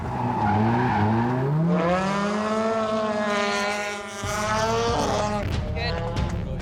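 A drift car's engine screams continuously, revving up and down in long sweeping tones as it takes a wide line over the first curve, up to zone two and deep into clip three on a track during qualifying, loud, with a brief dip midway before surging again.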